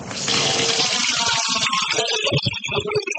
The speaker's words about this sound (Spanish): Agua fresca, totalmente potable, pero que no sale del grifo de la AAA.